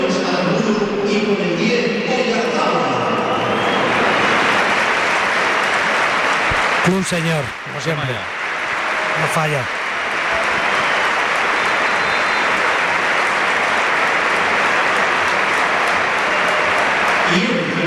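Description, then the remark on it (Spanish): A large stadium crowd at the Bernabéu applauds as Oyarzabal is substituted and takes off his armband. The clapping is a loud, steady wash that swells after a few seconds and holds, while a commentator's voice talks over it early on and briefly mid-way. “Oyarzabal, sí, se quita el brazalete, escuchamos al Bernabéu.”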